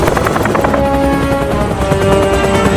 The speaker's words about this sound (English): Alex hovers the helicopter over the large animals.